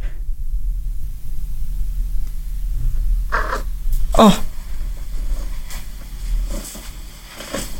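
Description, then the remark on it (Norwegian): A baby girl's steady low purring rumble runs throughout, broken once by a short rising-and-falling moan midway. A voice briefly exclaims at one point. “jeg tok opp litt lyd av henne, ja. Som den lyden hun lager når hun...”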